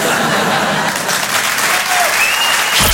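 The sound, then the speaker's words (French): An audience claps steadily, a dense wash of many hands applauding throughout, with a faint murmur and a brief chuckle underneath. “Regarde ma chérie, c'est la première fois qu'il y a des gens qui applaudissent devant un porno.”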